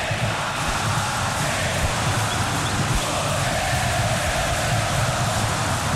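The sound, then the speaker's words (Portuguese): A huge crowd in the packed Maracanã stadium sings together during a Brazil football match, a steady, dense roar of massed voices, loud and unbroken for the whole stretch, with a faint melodic chant running through the wash. “E a torcida cantando, ó.”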